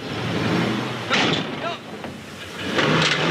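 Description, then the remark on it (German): A car engine revs in short, uneven bursts as the driver tries to maneuver the car out of a parking spot, fairly loud, with a few brief clunks mixed into the steady rumble. “I'm trying to unpark my car.”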